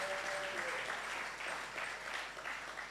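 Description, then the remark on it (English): Steady audience applause in an auditorium for the staff of Christian Service University, a dense wash of many hands clapping that holds at a fairly even loudness throughout, with no voices standing out above it. “Shall we put our hands once again for them?”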